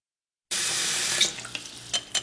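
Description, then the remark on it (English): A sink tap suddenly turns on and water runs in a steady hiss as a father shaves, with a few brief splashes and knocks as the stream shifts, no voices present. “Is that water really hot?”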